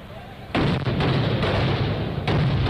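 A loud, sudden eruption of firecracker and gunpowder blasts breaks in after a quieter start, sustaining a dense, booming crackle, then surging again near the end.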